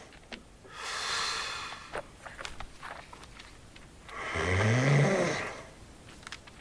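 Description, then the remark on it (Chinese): Two loud, drawn-out snores several seconds apart, each a rough, breathy rasp; the second swells into a deep, rattling rumble. No talking. “看我给那呼噜打的人能睡着不？”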